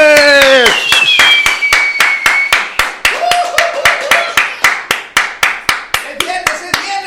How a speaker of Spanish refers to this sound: muy buenos días, fuerte el aplauso.